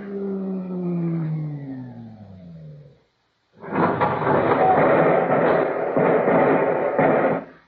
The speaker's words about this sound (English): Wait. There's another car rising in the tube. Stand aside.